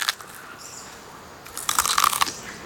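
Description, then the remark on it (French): A koala chews eucalyptus leaves with crisp, crackling crunches in an irregular rhythm, soft at first and then a louder, denser burst of munching toward the end. No one speaks. “Les koalas mangent les feuilles d'eucalyptus.”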